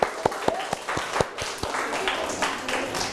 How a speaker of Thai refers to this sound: หรือใครออกมาแสดงบทบาทสมมุติเป็นแม่ค้าและลูกค้าอัปรบมือให้เพื่อนครับ